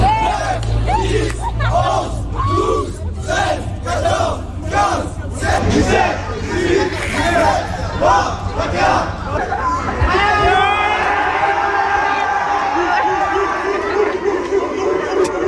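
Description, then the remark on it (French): A crowd of high schoolers gathered around a friendly game between a police officer and a high school student cheers and shouts excitedly, rhythmic bursts of yelling at first, then a sustained roar of voices with whistles and high-pitched screams, loud throughout. “Alors, vous devinerez avec l'enthousiasme de la foule qui était formée de lycéens autour que c'est le lycéen qui a battu le policier.”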